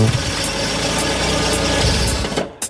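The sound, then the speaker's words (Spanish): A car pulls up and parks, its engine idling steadily with a low, continuous rumble and faint rhythmic ticking, moderately loud, before cutting off abruptly near the end. “¿Qué es? El auto se estacionó.”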